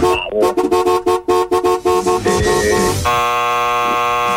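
A car horn honks in a rapid burst of about a dozen short blasts, then holds one long, steady blare to the end, loud with no talking.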